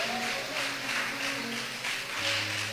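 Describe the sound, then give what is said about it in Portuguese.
A crowd claps together in praise of the Lord Jesus in a steady rhythm, a dense wash of hand claps rising and falling in pulses over sustained musical tones held underneath. “Pode exaltar o Senhor Jesus com as palmas.”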